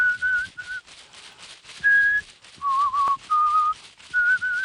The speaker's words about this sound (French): Les feuilles claquent. La fumée caresse. L'homme siffle.